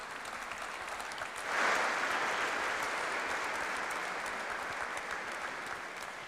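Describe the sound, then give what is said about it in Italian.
Steady audience applause for the Leliumé choir from Kaunas, Lithuania, at the 57th Virgo Lauretana international choir festival, dense crackling claps that swell noticeably about a second and a half in and then hold at a strong, even level to the end, with no one speaking over it. “Alleluia, complimenti, ancora un applauso.”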